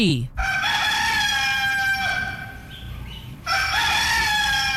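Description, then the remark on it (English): A rooster crows loudly, one long drawn-out cock-a-doodle-doo, then a second crow begins right after it. No one is talking. “I guess I'm hoping that you recognize the okay that comes after the rooster there.”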